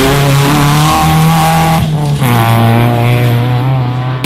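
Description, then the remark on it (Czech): Loud autocross race car engines roar continuously, with a steady droning whine that shifts pitch partway through as the cars rev and accelerate, hinting at squealing tires under the engine noise. “Budite dio najveće autocross priče.”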